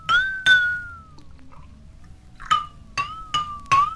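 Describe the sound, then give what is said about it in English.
A glass is tapped about six times while water is added to it, each strike leaving a clear ringing tone that sinks slightly lower over the course of the taps, with a pause in the middle and no talking. “Notice what happens to the pitch as I add water.”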